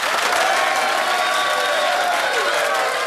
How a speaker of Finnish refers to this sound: Ja tuossa, otetaan tuolle pienet aplodit.